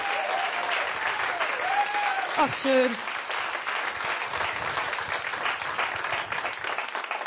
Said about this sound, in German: Ein Applaus für … an der Gitarre.